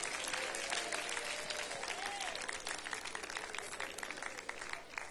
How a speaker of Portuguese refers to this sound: Bem alegre, bem forte, aplausos para Cristo.